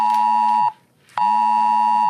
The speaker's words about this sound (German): Gepaart mit einer Textnachricht. Denn heute wird ebenfalls der AT-Alert, also das Warnsystem am Handy, vom Innenministerium ausgelöst und getestet, erklärt Sprecher Patrick Meierhofer. Hier sprechen wir dann von einer österreichweiten Alarmierung.